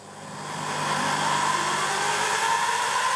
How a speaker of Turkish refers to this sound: Şimdi yapacağım şey matkapları aynı anda çalıştırmak ve teoride hafifletilmiş volan diskimiz daha çabuk hızlanmalı. Aynı zamanda daha çabuk durmalı. İşte başlıyoruz.